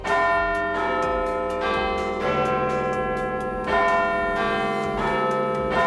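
The Big Ben clock tower bell at the Palace of Westminster in London rings loudly in slow, heavy strokes, each deep chime overlapping the long humming resonance of the one before, with no voices present.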